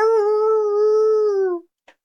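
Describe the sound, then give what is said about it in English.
A person's voice imitates a long, sustained howl, steady and loud for about a second and a half before trailing off, followed by a brief faint click. “Think of a thing that howls, goes, I think that's a good impression.”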